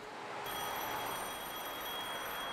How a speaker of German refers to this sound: Bei Jung und Alt klingelt unablässig das Telefon, weil Mama im Homeoffice verzweifelt, Papa auf Geschäftsreise, das Kind erkältet ist.